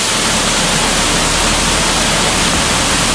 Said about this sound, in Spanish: Contrasta el silencio de las anteriores galerías con el sonido ensordecedor del agua que hace que ni siquiera nos escuchemos.